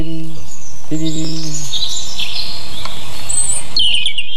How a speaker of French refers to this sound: On pourrait penser une bille dans un sifflet. Moi, ça me fait penser à ça. Mais c'est des moyens qui me permettent de mémoriser. Chacun, c'est le rouge-gorge. Il est très métallique et il y a cette espèce de bille en suspension.